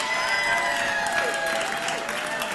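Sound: audience applause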